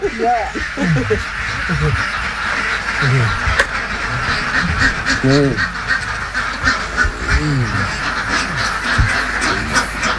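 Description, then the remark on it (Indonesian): A flock of ducks in a pen quacks continuously, the harsh, nasal calls overlapping in irregular bursts over a steady background hiss. “Selanjutnya bebek akan mengalami fase copot bulu dan setelah tumbuh bulu, bebek akan kembali produktif bertelur selama kurang lebih 5 bulan.”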